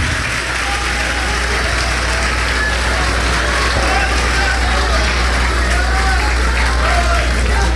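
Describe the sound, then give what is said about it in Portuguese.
An audience claps steadily for several seconds in thanks to God at the preacher's call, a loud, dense wash of applause with crowd voices blended in and a low hum running underneath. “Então aplaude, aplaude.”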